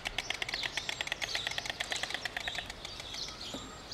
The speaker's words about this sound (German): Das Klappern der Störche heißt in diesem Fall, hier sind wir, geh weg.